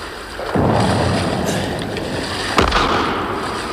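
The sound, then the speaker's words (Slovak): Two heavy cannon blasts from the ship Duncan's deck gun, fired at a boat, a deep booming shot followed a couple of seconds later by another sharp report, each rolling into a broad rumbling wash of noise. “Loď. Strieľa z lodného dela.”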